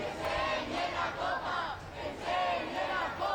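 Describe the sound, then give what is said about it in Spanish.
A large crowd of football fans outside the team bus chants loudly in unison, asking Rodri, who is inside the bus, to show the cup, their voices rising and falling in a steady, repeated rhythm, with no individual speech standing out. “Estamos escuchando a esos aficionados que, bueno, pues están pidiendo a Rodri, que ya está dentro del autobús, que enseñe la copa.”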